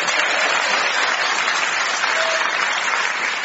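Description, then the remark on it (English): Steady, dense applause from a large audience at a prison, welcoming a show's panel, fills the whole moment, loud and continuous with no pauses and no voices standing out. “Please clap your hands if you're not shackled to a screw for Phil Jupiter's Joe Caulfield and Clive Anderson.”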